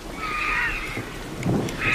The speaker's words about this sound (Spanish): Y la tormenta que se va hacia Gredos, hacia allá lejos.